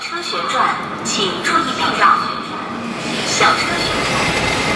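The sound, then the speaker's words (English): An industrial robot arm in a Chinese factory whirs steadily as it swirls and twirls, a continuous mechanical drone broken by brief higher whining tones as it moves, amid constant background machinery. “I'm not sure if you can hear clearly behind me, but that is the sound of the swirling twirling movement of a robot arm.”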